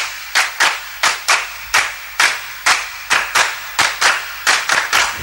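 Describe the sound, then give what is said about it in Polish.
Sharp hand claps ring out in an irregular rhythm, roughly a dozen distinct slaps over a few seconds, fairly loud, like a small group applauding with no voices. “a skoro już o tym mowa, to teraz dla pewnej dziewczynki brawa.”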